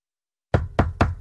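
Four firm knocks rap on a door in quick succession after a brief silence, close and loud with a sharp attack on each hit.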